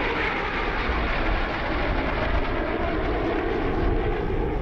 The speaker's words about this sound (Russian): Самолет летит над огромным водоемом,